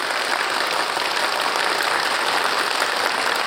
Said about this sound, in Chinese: 掌声欢迎戴副主任。